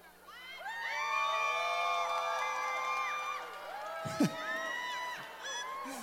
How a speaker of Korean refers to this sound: 이거 봐 아이가 오늘 오신 분들 수준이 높다니까. 물 먹는데 막 박수 소리 나오고 함성 소리 나오잖아.